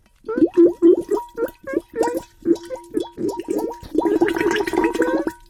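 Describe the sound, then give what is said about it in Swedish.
A voice, the character Bubbel, imitates bubbling, gargling water as B-bubbles with a quick run of wet, pulsing blubs, growing into a denser, continuous gurgle near the end. Fairly loud, with no other sounds. “Applåder för Bubbel som bubblade så fina B-bubblor.”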